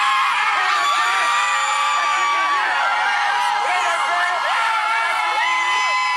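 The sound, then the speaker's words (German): A dense crowd of fans screams and cheers continuously as the Haiti national football team's bus pulls up at the team hotel in Boston on Thursday, many high-pitched shrieks and whoops overlapping in a loud, sustained roar. “am Donnerstag vor dem Teamhotel in Boston vorfährt, gibt es bei den Fans kein Halten mehr.”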